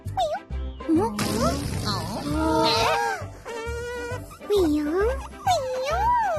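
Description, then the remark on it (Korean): A funny, buzzing airplane noise that wobbles up and down in pitch, squealing and whining in loud bursts for several seconds over a steady low hum. “진짜 재밌는 소리가 나는 비행기 맞네.”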